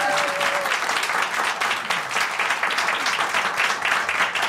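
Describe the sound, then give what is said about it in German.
A live in-person audience applauds someone who has just passed a doctoral defense, a dense wash of many hands clapping at once, loud and sustained for several seconds, with a faint voice briefly audible at the start. “Und ich möchte einen großen Applaus von unserem Präsenzpublikum einfordern, weil du hattest gerade die Doktorverteidigung”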